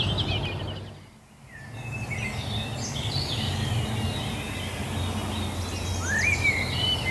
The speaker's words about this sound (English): Blackbird. Lovely clear blackbird there, yeah.